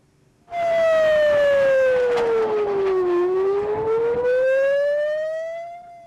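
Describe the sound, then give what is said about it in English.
Air raid sirens in Jerusalem, Israel, set off by incoming Iranian missiles, wail loudly and steadily, the pitch sliding slowly down and then rising back up in a long continuous sweep, with faint background noise and no voices. “Iranian missiles triggered air raid sirens in Jerusalem and in other parts of Israel.”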